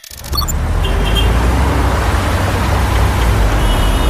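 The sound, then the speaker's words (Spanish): A dense, steady roar of traffic noise fills the scene, with engines idling and rumbling and faint higher tones like brakes or horns in the congested mix. “Atascado en el tráfico espantoso.”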